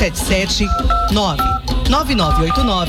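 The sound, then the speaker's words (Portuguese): Several short telephone keypad tones beep in quick, uneven succession, clear and fairly loud, layered over a person talking and other background sound. “E para que haja essa mudança, com a força de vontade que você já tem, é só pegar o seu telefone e ligar agora.”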